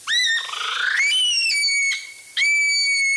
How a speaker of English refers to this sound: That unsettling sound is the call of the Okarito brown kiwi.